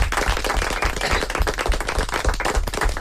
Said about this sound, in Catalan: Un aplaudiment ben fort.